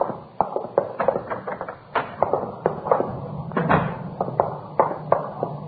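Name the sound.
door opening and closing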